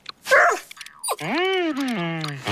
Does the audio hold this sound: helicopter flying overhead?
no